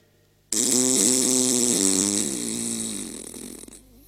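A long, loud, buzzy fart bursts in abruptly and rasps on for about three seconds, its low pitch wobbling and sputtering before it tapers off and stops.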